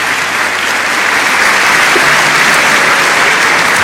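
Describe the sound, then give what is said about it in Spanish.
An audience bursts into sustained applause for the Lord during a sermon, a dense, steady wash of many hands clapping at once with no pause for the full few seconds. “Dale ese aplauso grande al Señor si está entendiendo la palabra.”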